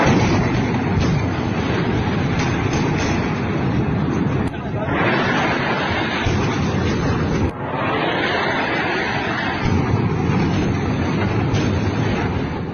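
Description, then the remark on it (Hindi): Loud Indian artillery cannon fire at midnight on the night of 7–8 May, between 1:04 and 1:28, in a sustained barrage, the booms merging into a dense, continuous roar broken only by two brief dips. “7 और 8 मई की रात 1:04 से 1:28 के बीच आधी रात का सन्नाटा भारतीय तोपों की गर्जना से टूट गया।”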